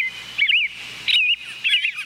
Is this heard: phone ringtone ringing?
no